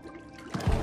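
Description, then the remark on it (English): A brief gurgle of water bubbling in a bathtub, two low, muffled pops of bubbles rising from a submerged teenage girl's mouth to the surface over a soft watery background, moderately loud. “It's alright, she braces her arms against the sides of the tub as bubbles float from her mouth to the surface.”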